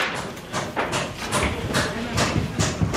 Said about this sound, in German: Dutzende Mitarbeiter des Katastrophenschutzes arbeiten auf der Maria-Entschlafts-Kathedrale, hämmern und sägen. Aus Holz zimmern sie einen provisorischen Dachstuhl und spannen eine Plane darüber, damit es nicht reinregnet.